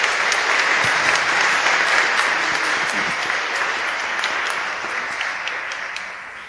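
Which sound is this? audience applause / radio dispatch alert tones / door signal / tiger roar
audience applause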